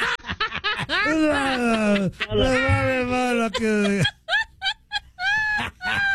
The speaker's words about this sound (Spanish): Ay, entonces estaba bostezando.